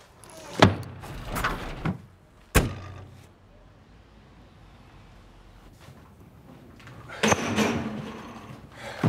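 Car doors slam shut with two sharp thuds a couple of seconds apart, followed by quieter shuffling and a later burst of mechanical rattling and movement as the car is shut and parked at the back of a barn, with no voices.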